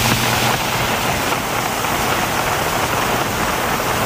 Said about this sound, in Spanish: Nuevo aplauso. Se ponen de pie la inmensa mayor parte de los asistentes.